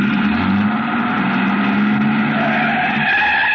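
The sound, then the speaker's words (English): A man starts a truck's engine, which roars as its tires screech in one loud, continuous skid lasting several seconds, with no voices. “a man, a much larger man than DuPont, came out the side door and got into the truck. He turned over the engine”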